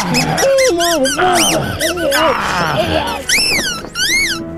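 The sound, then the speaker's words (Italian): A rubber chicken toy, being stuffed into a man's mouth to smother him, squeaks loudly over and over, its shrill, wavering squawks rising and falling in pitch in a rapid, uneven series that continues almost without pause. “cercando di soffocarlo, infilandogli in bocca un pollo di gomma.”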